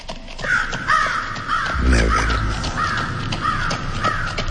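A raven caws repeatedly in harsh, evenly spaced calls over a steady low rumble, with a brief deeper thud near the middle; the calls sound fairly loud.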